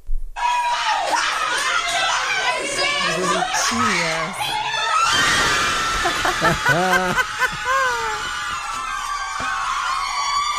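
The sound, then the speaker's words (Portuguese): A group of nuns cheers, shrieks and screams in excited high-pitched voices, celebrating the Brazilian national football team's second goal, a loud, continuous uproar with laughter mixed in and rising bursts of yelling throughout. “Nossa produtora Laura Cruz separou um vídeo de umas freiras comemorando o segundo gol da seleção brasileira”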